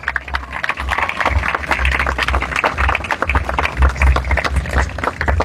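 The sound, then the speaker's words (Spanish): A crowd applauds steadily for several seconds to welcome the municipal president, Tere Rosales: a dense, even patter of many hands clapping at once, with a low hum running underneath and no voices standing out. “Queremos agradecerles, un fuerte aplauso para recibir a la presidenta municipal, Tere Rosales.”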